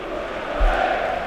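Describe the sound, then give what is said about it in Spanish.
A crowd of Rayo football fans in a stadium roars the 'grito del Rayo' together in a sustained, loud collective shout, a dense wall of voices holding steady with a brief low thump partway through. “Y ahí está el grito.”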